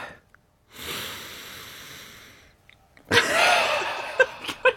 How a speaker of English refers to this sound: Smell my finger. It smells like a curry. It smells like... Are you sure? Do you want to have another sniff? Okay, you get one more sniff.